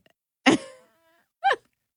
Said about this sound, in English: Everyone loves a fart noise.